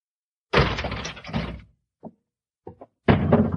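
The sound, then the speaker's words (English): A door is pulled open with a loud, rattling clatter, then a few soft knocks and thumps, and another burst of scraping, clunking noise, with no voices. “We'll open the door.”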